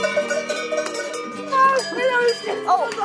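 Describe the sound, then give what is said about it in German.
Several cowbells clank and ring over one another in a steady, overlapping jangle as cows move about on an alpine pasture in the morning. The bells sound fairly loud. “Mausreporterin Christina hat die Familie dort besucht und auch direkt schon am Morgen die ersten Kühe kennengelernt”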